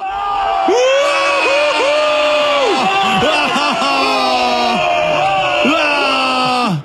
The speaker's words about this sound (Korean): 94년 월드컵은 군대에서 봤습니다. 내무반에서 응원을 했는데 골이 터질 때마다 그 함성 소리가.